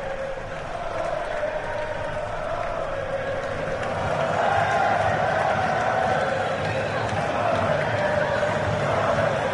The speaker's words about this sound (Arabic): نسمع هزيج الجماهير سعيدة، لربما قد يكون هناك استئناف قريبا، لكن المؤشرات تعطي بأن هناك فرح للجماهير